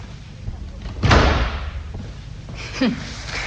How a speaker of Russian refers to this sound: Дверь захлопните покрепче.